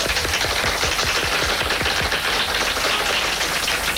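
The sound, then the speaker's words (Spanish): A crowd breaks into loud, sustained applause for Cuban actor Ildefonso Tamayo, who is starring in Paseando a Miss Daisy. It is a dense wash of rapid clapping that stays steady and even throughout, with no voices on top. “Ildefonso Tamayo, un fuerte aplauso.”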